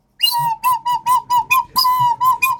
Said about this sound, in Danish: Så jeg har jo min næsefløjt med.